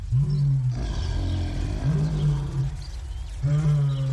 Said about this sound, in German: Und dann war er in der Grube, allein mit den Löwen. Und dann haben die Löwen wild gebrüllt.